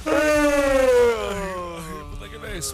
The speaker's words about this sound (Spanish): Bueno, ya llega, ya te ha dado como sueñito, ¿no? Y el bostezo, ¿no?